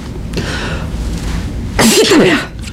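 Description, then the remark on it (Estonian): A patient coughs once at a doctor's request during an examination: a single loud cough bursts out after a quiet stretch, harsh and breathy with a brief raspy, voiced tail, over a low steady background rumble. “ja olge kena , köhige .”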